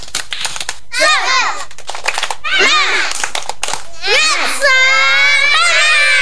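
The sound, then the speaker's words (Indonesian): A group of children does a 'tepuk semangat' spirit clap after a count of 1, 2, 3, clapping together in a quick, rhythmic pattern, with bursts of excited shouting and chanting voices rising over the steady clapping. “Kita tepuk semangat. 1, 2, 3. Tepuk semangat.”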